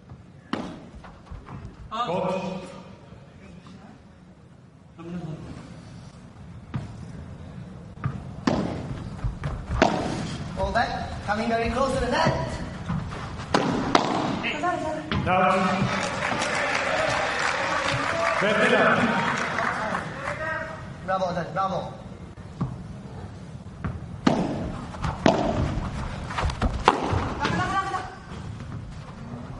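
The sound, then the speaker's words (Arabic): A padel rally between four players: sharp, hollow pops of the ball struck by rackets and bouncing off walls, coming in an irregular quick rhythm, including a high-technique smash and a ball going out of the court, with voices and crowd murmur running underneath. “سماش بتكنيك عالي للغاية، كرة خارج أرضية الملعب، والأمانة أداء جميل من اللاعبين الأربع.”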